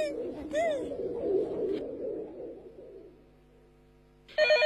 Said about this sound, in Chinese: 快听电话 啊！